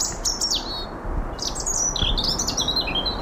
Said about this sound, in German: Ein Rotkehlchen zwitschert vergnügt und im Darmstädter Westwald hat es gerade auch allen Grund zur Freude.